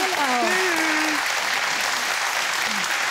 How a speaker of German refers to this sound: Der Applaus geht nach Papenburg.